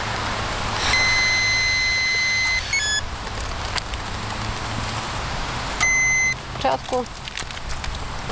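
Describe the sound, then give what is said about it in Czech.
A steady electronic breathalyzer tone holds for about two seconds while a motorcyclist stopped by police at Červenohorské sedlo exhales into the tube for a breath alcohol test, then sounds again briefly, clear over low traffic rumble. “Můžete podobu tónu výdech do trubičky.”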